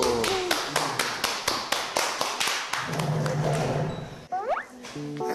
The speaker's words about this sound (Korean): 박수.